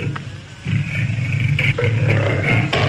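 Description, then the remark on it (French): A boar grunts in low, rough, growling bursts, softer at first, then a louder, steady rumbling stretch with harsh snorting accents throughout. “Ben, c'est un Véran, ça.”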